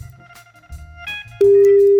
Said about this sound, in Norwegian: Det bare ringer, så bare ja, slapp av.